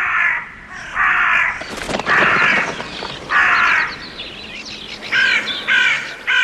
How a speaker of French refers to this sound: Et tandis qu'il crie ainsi, des volées de corbeaux sont arrivées des quatre vents du ciel.